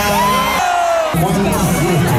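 A crowd of about 30,000 at an evening concert at Rock in Roma, at Capannelle in Rome, roars and cheers continuously, with shouts and whoops rising above a dense wash of noise and a brief dip in the middle before the cheering swells again.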